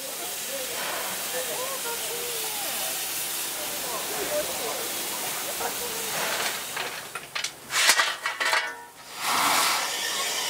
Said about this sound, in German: Die Abfahrt einer Dampflok ist in Japan durchaus ein Spektakel. Denn es gibt nur noch wenig erhaltene und vor allem betriebsfähige Maschinen.